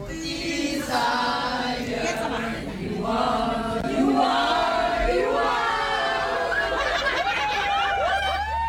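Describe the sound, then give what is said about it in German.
A packed tram in Düsseldorf full of excited fans on their way to a concert, many voices shouting, cheering and singing together in loud, continuous waves, with rising whoops and laughter near the end. “So klingt das direkt aus Düsseldorf, aus der Straßenbahn.”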